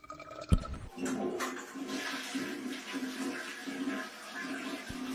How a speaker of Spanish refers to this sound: Bueno, justo estaba cargando el agua caliente.